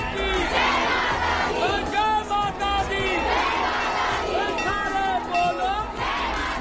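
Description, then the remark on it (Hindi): A large crowd of devotees shouts victory cries to the goddess Maa Nanda at the start of the Nanda Badi Jaat pilgrimage in Chamoli, Uttarakhand, India, in loud, overlapping waves, many voices rising and falling in pitch with a steady, continuous roar throughout. “चमोली में 12 साल के इंतजार के बाद जब एक बार फिर मां नंदा की बड़ी जात शुरू हुई तो पूरा वातावरण माता के जय घोष से गूंजता रहा।”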